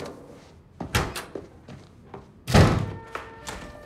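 A door slams shut hard, a loud booming thud with a brief rattle, preceded by a few lighter knocks and bumps and followed by a couple of softer taps.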